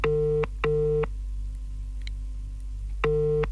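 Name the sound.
telephone call ringing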